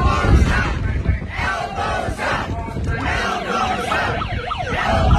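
A loud, dense crowd roars and cheers throughout, and partway through wailing sirens brought by someone in the crowd rise and fall over the noise, sweeping up and down in overlapping waves.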